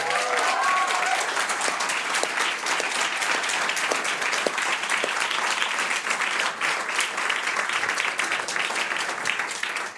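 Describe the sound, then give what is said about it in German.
Sustained applause from an audience welcoming a guest cellist and singer-songwriter, a dense, steady roar of many hands clapping, with a brief whistle-like tone near the start. “großen Applaus, schön, dass du da bist.”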